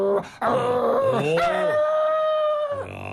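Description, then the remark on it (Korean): A man imitates a Chungcheong-province dog barking at a burglar climbing over the wall, with a few sharp barks that stretch into one long, strained, howling bark, loud and alone with no other sounds around it. “어떻게 짖냐면은 약간 강도가 세면서 약간 싸늘게 짖죠.”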